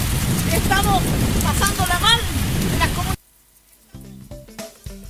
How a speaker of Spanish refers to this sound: porque aquí estamos con temporal, con lluvia.